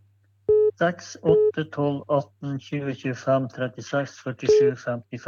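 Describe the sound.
A telephone call-in line for a bingo game rings with short, steady electronic tone bursts, three of them spaced irregularly, while a person talks continuously over them.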